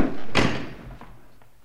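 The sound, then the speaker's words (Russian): A door bangs shut with one loud impact, followed by a couple of fainter knocks and rattles as it settles. No voices are heard. “Вот, дверь здесь.”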